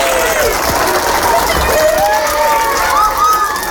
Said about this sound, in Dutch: Hij loopt met de documenten naar de aula en de kinderen beginnen te juichen en te klappen. Kijk eens!